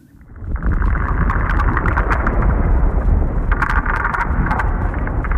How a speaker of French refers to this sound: Écoutez, c'est le souffle de l'Arctique tel qu'on le fantasmait il y a 100 ans. Un désert blanc, un silence de mort rompu par les bruits de pas et les bois de traîneaux.